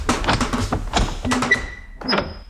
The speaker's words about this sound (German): Ich mach die Tür auf.